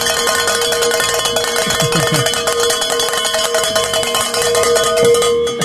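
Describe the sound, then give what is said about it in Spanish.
Church bells, rung by Padre Javier to mark a met fundraising goal, ring loudly and continuously, their metallic clangs overlapping into a dense wash of sustained, shimmering tones that hang in the air for the whole stretch, with no voices. “Y quiero pues darle el gran honor al Padre Javier, que está aquí con nosotros, a que sonemos estas campanas.”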